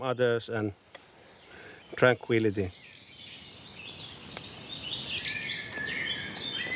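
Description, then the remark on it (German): Birds chirp and sing outdoors, their bright calls growing fuller and louder toward the end, after a brief stretch of someone talking at the start. “Selbst hier draußen, in der Natur. Vögel können ganz schön laut sein.”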